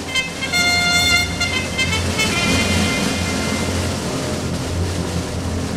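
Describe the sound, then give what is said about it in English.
At a bullfight, the trumpet call for the death rings out briefly as a bright brassy blast of about a second, then gives way to a steady, loud rumbling wash of background noise. “Then I hear the trumpet call for the death.”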